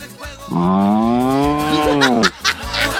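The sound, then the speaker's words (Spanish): A person imitates a cow with one long, loud, drawn-out moo lasting about two seconds, followed by brief background noise. “¿Cómo hace la vaca?”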